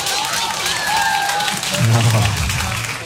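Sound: women in audience clapping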